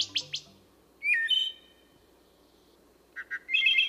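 Birdsong: a few quick high chirps open, then a bright whistled phrase, a pause, and a final burst of sharp warbling notes. Clear against a quiet background, with no voices.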